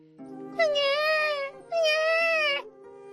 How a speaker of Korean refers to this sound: 옛날 옛적 어느 마을에 우렁찬 아기 울음소리가 들려왔어.